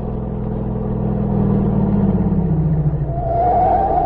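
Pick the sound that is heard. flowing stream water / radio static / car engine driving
car engine driving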